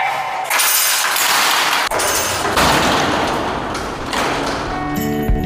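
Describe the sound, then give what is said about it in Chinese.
A heavy iron pendulum hammer slams into a hard surface several times at uneven intervals in a demonstration of a hardware safety test, each strike a loud, sharp bang with a broad, rattling crash afterward. No one speaks. “所有的这个都是砸过这种摆锤实验的，我们呢就演示一下。”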